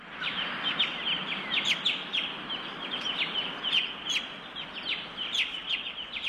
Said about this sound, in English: The New Holland Honey Eater.